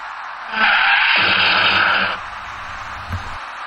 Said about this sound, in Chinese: 驾驶那辆白色小客的司机竟然没有注意到行驶在前面的两辆车已经停了下来，由于刹车不及，白色小客的车前部撞到了前车的尾部，被撞的前车又顶上了最前面的那辆小客车。